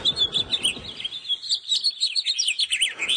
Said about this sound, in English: And the house finches are chirp here.